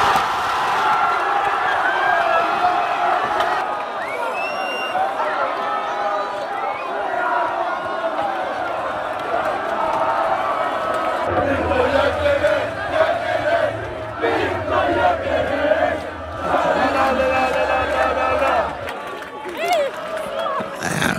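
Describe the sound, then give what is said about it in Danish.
A large crowd at a Swedish morning party cheers and yells loudly after Sweden scores a goal against Tunisia, a dense roar of shouts and whoops lasting about twenty seconds, with a low rumbling thump underneath through the middle stretch. “Og når svenskerne de scorede, ja, så udløste det stor jubel til den svenske morgenfest.”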